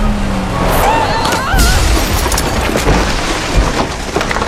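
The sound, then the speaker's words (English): A loud crash as a vehicle smashes into the Benedictus house in a village, hitting its kitchen, with heavy thuds, rumbling impacts and squealing scrapes over a dense roar of debris lasting several seconds. “You smashed the Benedictus house!”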